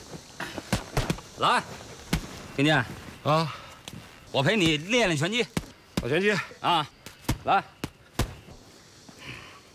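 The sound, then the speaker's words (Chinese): A rapid, irregular series of sharp punches and kicks landing with hard slaps and thuds, interspersed with loud effortful grunts and shouts from the fighters, who are sparring in boxing practice. “我陪你练练拳击。”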